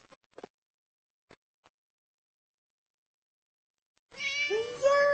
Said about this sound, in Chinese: 小猫咪，好可爱哟